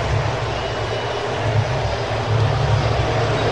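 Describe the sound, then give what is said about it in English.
The crowd at T-Mobile Park cheers wildly after a Mariners two-run home run in the bottom of the seventh inning, a dense, sustained roar that holds steady and swells slightly toward the end, with no distinct voices standing out. “T-Mobile Park going wild.”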